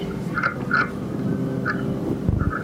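A shipworm gnawing wood, recorded underwater by researchers with hydrophones (strongly amplified microphones): short raspy, croak-like crunching bursts recur irregularly, about five in under three seconds, over a steady low rumbling background with no voices.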